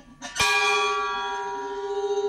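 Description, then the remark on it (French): A bell is struck once, loud, its bright metallic tone ringing on and slowly fading with a gentle wavering shimmer. It was made for them by a pilgrim and bell enthusiast and is rung to mark departure on the Way of Saint James. No one speaks. “une cloche, on peut aller la faire même si on ne part pas sur le chemin de Saint-Jacques”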